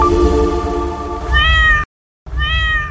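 A cat meows loudly in an advert for AdTab flea and tick tablets: a drawn-out cry followed after a short silent pause by a second clear meow, with no voices.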